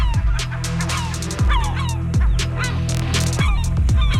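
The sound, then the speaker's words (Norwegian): Loud, raucous gull cries repeat in quick succession, several harsh squawking calls overlapping, from gulls in Stavanger, with no one speaking. “Ja, for 8 personer skal ha blitt bitt av måker i Stavanger den siste uken, det skriver Stavanger Aftenblad.”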